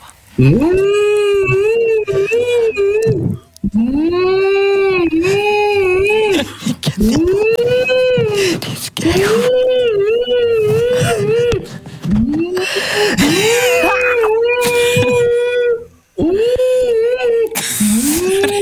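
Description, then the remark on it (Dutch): A person imitates whale song with long, wavering, moaning vocal tones that swoop up and down, repeated in several drawn-out phrases with brief pauses, loud. “Dus twee walvissen zitten op café. Zegt de ene walvis tegen de ander”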